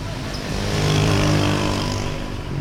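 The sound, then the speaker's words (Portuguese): Dense late-afternoon road traffic in Caracas, Venezuela, rumbles steadily, with engine drone from cars and motorcycles swelling slightly mid-way, a continuous low hum of vehicles moving together with no voices. “Regresso a Caracas, é fim de tarde e há muito trânsito.”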